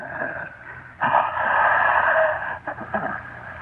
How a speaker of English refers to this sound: As I grew weaker, it grew stronger. And I wondered that you couldn't hear it breathing in my room.